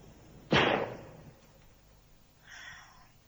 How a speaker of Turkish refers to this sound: Silah sesleri kesildi galiba.